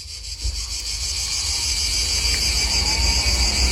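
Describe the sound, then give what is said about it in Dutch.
A dense, steady chorus of French crickets chirring continuously at a high pitch, fairly loud, over a low background rumble with no voices. “Oh, dit is het geluid van Franse krekels.”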